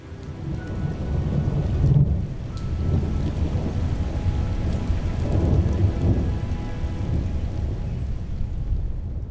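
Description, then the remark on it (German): Steady rain patters throughout while low thunder rumbles and rolls beneath it, swelling in a couple of heavier waves. No voices are heard. “Weil du auch irgendwie, weiß ich nicht, da oben nicht sein solltest, wenn es donnert.”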